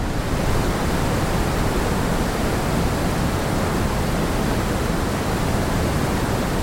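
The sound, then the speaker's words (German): Steady, unbroken brown noise: a wash of deep, rumbling sound, heavy in the low end and softer up top, like surf or a strong wind, holding the same level throughout with no voices. “Und dann noch das Brownsche.”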